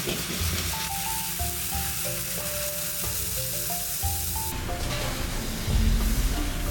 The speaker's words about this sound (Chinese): 选用2年的公鲟鱼切成花刀，另取7年以上的鲟鱼的龙筋，也就是脊骨中的骨髓，一同放入锅中焖煮10分钟。